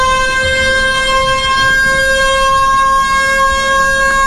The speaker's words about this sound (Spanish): Y dice que esa alarma que está, no les gusta. Que quiere que cambie. Escuchémoslo.